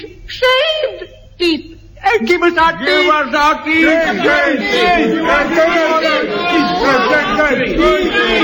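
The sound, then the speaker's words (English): A crowd of toothless ragged men in brown paper nightshirts clamouring as they emerge from an underground dungeon: a few brief cries at first, then a dense swell of overlapping jabbering, whimpering and chortling voices that carries on loudly. “from out of an underground dungeon came a crowd of toothless ragged men in brown paper nightshirts.”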